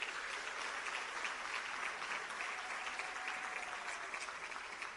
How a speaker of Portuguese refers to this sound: Aplausos.